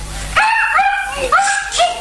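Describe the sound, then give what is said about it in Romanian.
A puppy yips and whines in a few high-pitched, rising bursts, fairly loud, with short pauses between the calls and no voices. “Păi, am tot fost să duc cățelul ăla.”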